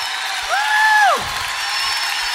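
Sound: audience applauding and cheering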